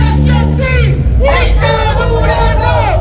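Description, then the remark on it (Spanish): A loud protest march crowd in Huancayo on a Sunday, against Fujimori, chants and shouts in unison, many overlapping voices rising and falling in steady, rhythmic bursts that continue without a break, dense. “Ahí están los cinco gatos que dicen es una gran cantidad del público que marcharon ayer domingo.”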